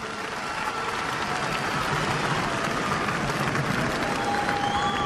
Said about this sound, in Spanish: Palabra de Dios. Dele el aplauso si quiere a la palabra de Dios.